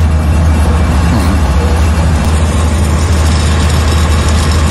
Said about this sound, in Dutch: Generatoren. Heel de straat staat vol. Alle restaurants zijn open, alle winkels zijn open. De mensen moeten overleven, maar er is geen elektriciteit. Dus elke winkel, elk restaurant heeft een generator buiten staan.